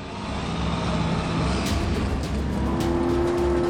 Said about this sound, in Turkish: Büyük parçaları kırıyorum. Bana maden getiren kamyonlar var.